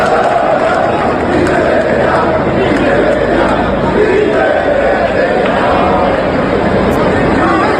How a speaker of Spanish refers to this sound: Estos gritos de …, de estos gritos de indignación, pues tenemos la memoria llena, Colletti.